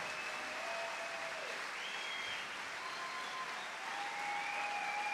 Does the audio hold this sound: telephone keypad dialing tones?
no